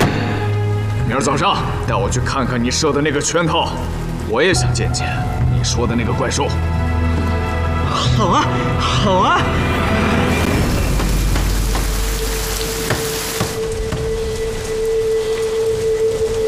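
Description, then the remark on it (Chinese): Heavy rain pours at a deserted place in the wilds, a steady, dense hiss, rising to a loud wash in the second half after people talk over the first part. “有，过路人遭此大雨投诉，碰上了便是缘分。”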